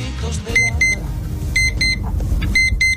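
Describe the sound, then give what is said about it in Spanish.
An alarm clock beeps insistently in quick pairs of shrill electronic tones, the double beeps repeating about once a second over a low, steady rumble in the background. “¿Cómo costó hacerle caso a esa alarma que no paraba de sonar, no?”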